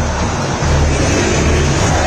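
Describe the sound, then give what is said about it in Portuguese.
A massive stadium crowd of Cruzeiro football fans sings together at the Mineirão during a match against São Paulo, heard on a Bandeirantes radio broadcast, merging into a steady, dense roar with a faint low chant running underneath throughout. “Iremos a 50, a torcida do Cruzeiro canta. Você ouve ao fundo o som da Bandeirantes, mostra para você. Ouça o Mineirão!”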